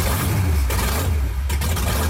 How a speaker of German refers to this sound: Es ist eine Wahnsinnsstimmung. Das bebt im ganzen Oberkörper, wenn dann da die Motoren aufbrummen, Wahnsinnsgefühl.